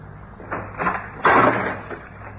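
A few mechanical clunks and rattles as the lock of a locked house door is worked, followed by a louder, fuller sweep as the door swings open, over a low steady hum with no voices.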